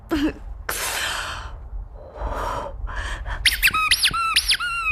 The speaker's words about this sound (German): Das ist meine Geburtstags-Quietsche-Ente Birthday Bert und der hat null Chill für deine Scheiße.